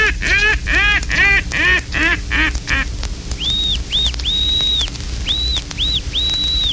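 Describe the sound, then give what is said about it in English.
A rapid, descending run of loud, raspy mallard quacks, followed by a string of clear, steady, high-pitched pintail whistles, prominent with no talking. “Fintail whistle combined with mallard calling.”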